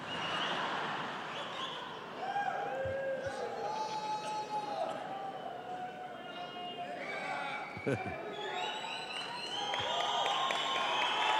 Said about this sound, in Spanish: Aplauden al rey, aplauden a la palabra de Dios.